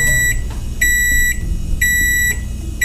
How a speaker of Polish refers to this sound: A teraz ręka w górę ci, którzy otwierają mikrofalówkę, zanim wydobędzie się z niej ten dźwięk.